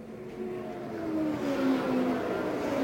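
Brightly colored race cars roar past on a track in Indiana, a steady loud engine drone with a whining tone that swells and drifts gently downward in pitch over about three seconds, with no voices.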